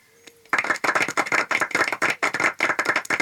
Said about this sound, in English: If anybody wants to clap, now's the time to do it.